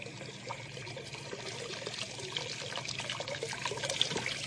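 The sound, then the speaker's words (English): A steady trickle of water runs through a wooden gate lifted by turning a big round handle, in water only about 2 feet deep, a continuous soft splashing and gurgling that holds fairly even throughout, with no voices. “Or at least I'm not sure, but that water, there ought to be a lot more water than that coming through the gate, a whole lot more.”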